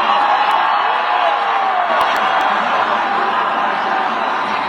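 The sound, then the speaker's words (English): A large crowd at the Tennessee-Texas game and the Medina Country Club roars and cheers as Air Force One flies over, a steady, dense wash of voices, loud and continuous throughout, with scattered shouts and whoops rising above the din. “But listen to these crowds.”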